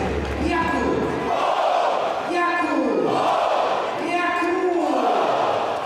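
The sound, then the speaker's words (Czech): A crowd of about 5,000 spectators at an ice hockey game between České Budějovice and Brno roars after Jakub Pour scores to make it 3-0. The roar is loud and continuous, with three rising waves of many voices shouting together in unison. “Tak jste to slyšeli, potvrzeno od 5000 diváků.”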